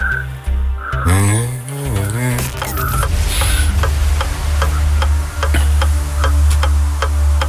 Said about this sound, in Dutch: het klokje loopt al.